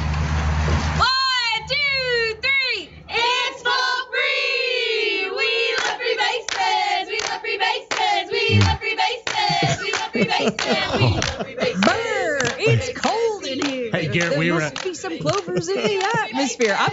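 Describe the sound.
Rhythmic hand claps and slaps beat out a steady cheer pattern, loud, with a voice chanting along over the percussive hits throughout.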